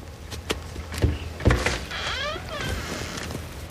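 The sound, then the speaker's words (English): A few soft, evenly spaced knocks on the door of a small house, an Airbnb, followed by a thin squeaky creak as it seems to open, with no voices. “When he gets to the door, he gently knocks.”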